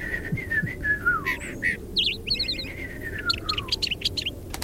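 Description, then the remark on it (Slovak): A robin, a small bird sitting in a tree in a garden, sings a bright, varied song of quick chirps, trills and whistled notes, clear over a soft, steady background hiss. “Rastú v nej stromy a na jednom z nich sedel malý vtáčik. Prekrásne spieval.”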